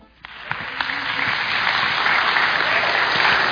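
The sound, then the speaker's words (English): Audience applause starts abruptly and swells into a dense, steady roar of many hands clapping, with a few sharp individual claps standing out near the start. “I've been trying to convince my wife, Lynn, to clap when I come into the room since we got married.”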